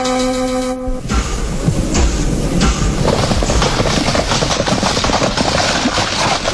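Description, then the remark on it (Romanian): A train to Suceava departs, rumbling loudly along the rails with a steady, rhythmic clatter of wheels, just after a brief horn blast at the start. No one speaks. “Nu vă supărați, când pleacă trenul de Suceava? A plecat.”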